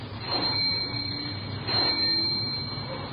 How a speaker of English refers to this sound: I don't see anybody around. Looks like nobody at home. Well, let's try the bell.